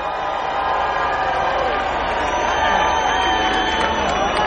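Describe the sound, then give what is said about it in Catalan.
A crowd shouts and cheers loudly and continuously for the people of Beni Dolores, a dense wall of many voices with a few higher yells standing out, sustained at steady volume throughout. “Un crit molt fort també per la gent de Beni Dolores.”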